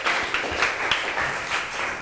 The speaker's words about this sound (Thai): กลุ่มอื่นๆขอเสียงปรบมือเป็นกำลังใจให้เพื่อนกลุ่มที่2หน่อยค่ะ